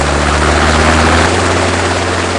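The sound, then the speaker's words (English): A Kent, Surrey and Sussex Air Ambulance helicopter flying, its engine and rotor giving a loud, steady roar, with a low droning hum underneath and a dense wash of noise throughout. No one speaks. “By donating, you will help keep this life-saving service flying.”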